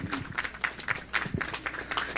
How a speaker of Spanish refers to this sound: Por favor, al escenario, fuerte los aplausos.